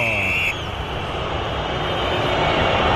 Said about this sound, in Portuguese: Vaias! É o que o Corinthians merece na noite de hoje. Uma noite tétrica do Corinthians. Um desempenho absolutamente vergonhoso. Merece protestos mesmo.